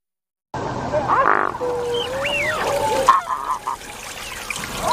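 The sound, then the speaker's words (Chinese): Honking calls of mute swans and other waterbirds, including black-winged stilts, northern lapwings and gulls, carry across open water at Wuliangsuhai lake on an early autumn morning, a few loud trumpeting notes rising and falling over a steady wash of softer background calls and faint water sounds. “初秋的清晨，乌梁素海上演着最动人的自然戏剧，游鼻天鹅缓缓地游过夏天的尾巴，黑翅长脚鹬踏着最优雅的步伐丈量着浅滩的边界，凤头麦鸡从阳光里走来，诠释着五彩斑斓的黑，”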